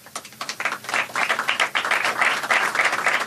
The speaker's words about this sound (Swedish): Applåder och handslag i FN-högkvarteret alldeles nyss.